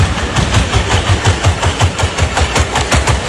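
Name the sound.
humanoid robot running strides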